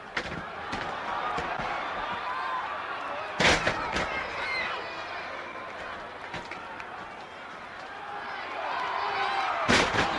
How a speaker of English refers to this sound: And they take turns at body slams. You got to be in shape to take this kind of pounding. Here's another one. Oh, that wouldn't feel good even on a mattress.